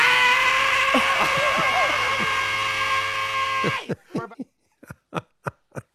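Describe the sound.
A loud, distorted rock recording with a strained, screaming male vocal blares for a few seconds, then cuts off abruptly as a person starts talking.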